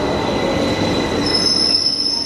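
A London Underground train rolls in with loud, sustained metallic wheel squeal, high shrill tones rising and shifting over a steady rumbling roar, about 85 decibels, continuous with no voices.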